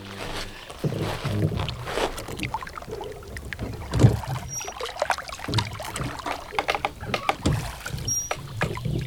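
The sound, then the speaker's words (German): Oars splash and knock rhythmically as a rowboat moves across an ice-cold lake amid rocks, with wooden creaks and sloshing and a louder thump of an oar stroke partway through. “Da, ein Ruderboot. Lassen Sie uns ein wenig Boot fahren.”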